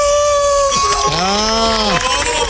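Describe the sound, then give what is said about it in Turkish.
A man mimics a wolf howl with his voice, one loud, drawn-out cry that rises and bends downward, against a faint murmur of background noise. “Bakın kurt gibi bağır”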